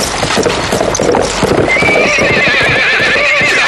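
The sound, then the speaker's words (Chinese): Rapid hoofbeats of several horses galloping as marching troops are ordered to speed forward without stopping, in a dense, continuous rhythm, with a loud, high whinny rising over them partway through. “传令加速前进，兵不得驻步，马不能停蹄。”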